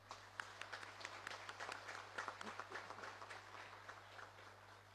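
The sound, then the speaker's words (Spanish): A crowd applauds steadily in welcome at a celebration of 450 years since the birth of San Roque González de Santa Cruz, whose heart is brought before the crucifix; dense overlapping claps at moderate volume with a low steady hum underneath. “A todos ellos les recibimos con un caluroso aplauso.”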